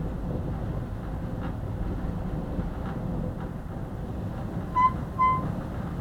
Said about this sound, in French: Ça, c'est la porte qui vient de s'ouvrir à cause du vent. Parce que la porte ne ferme pas.